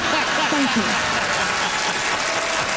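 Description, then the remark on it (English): An Ottawa crowd applauds and cheers for Deborah Kimmett at a steady, dense level, with scattered voices rising through the clapping for the whole stretch. “Deborah Kimmett getting the Ottawa crowd riled up.”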